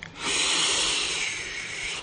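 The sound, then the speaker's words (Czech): A single long, raspy, strong bass snore lasting about two seconds, a steady airy rasp that swells quickly, holds, and cuts off, with no voices. “Zapísklo to vysokým tónem a na to následovalo silné basové zachrápání.”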